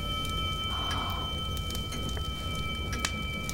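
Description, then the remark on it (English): A steady, unbroken hum coming from a set of rings, made of several thin, high sustained tones over a low rumbling bed, with faint scattered clicks and crackles. No voices. “Do you hear that? What? Listen. That humming sound.”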